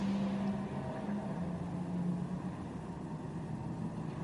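The Dex Imaging racing car's engine drones steadily with a low, buzzing hum and a faint higher whine as it clips the curb at turn six, holding an even level throughout with no voices.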